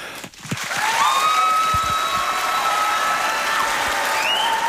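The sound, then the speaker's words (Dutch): A large audience bursts into sustained applause for three Apeldoorn entrepreneurs, a dense, steady wash of clapping that holds loud for several seconds, with a few faint tonal notes ringing over it. “En dat verdient sowieso een heel groot applaus.”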